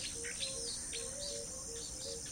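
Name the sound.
birds chirping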